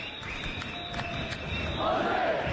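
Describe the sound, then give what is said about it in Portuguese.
A large crowd of football fans at the World Cup chants and shouts together in a stadium, chanting "Australia", a dense, steady roar of many voices that swells louder toward the end. “Agora eles estão gritando Austrália.”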